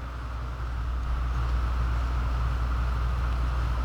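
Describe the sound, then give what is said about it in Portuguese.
Heavy rain pounds the metal container roof of the Nevasca FM radio studio in a dense, unbroken roar with a deep rumbling low end, holding steady and loud after a slight swell in the first half-second. “deixa eu baixar um pouquinho a trilha aqui só pra você ouvir a chuva, gente”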